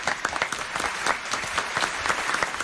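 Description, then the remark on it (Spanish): A theater audience claps for a young woman volunteer from the fourth row coming up on stage, a dense spread of many hands clapping at once with a lively, even rhythm throughout, moderately loud, without any voices on top. “Un aplauso para esta joven.”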